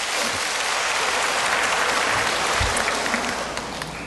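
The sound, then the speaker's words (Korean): An audience claps together in steady, dense applause that holds loud and even for several seconds, then begins to thin out toward the end. No voices stand out. “그래서 제가, 네, 우리 하나님께 그런 박수 한번 치고 와야죠.”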